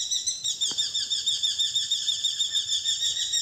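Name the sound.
bird calls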